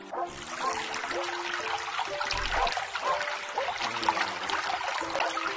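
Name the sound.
water flowing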